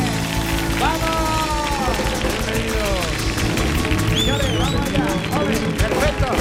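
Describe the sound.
A crowd applauds steadily with dense, continuous clapping, mixed with cheering voices and a few high whistles rising above the noise.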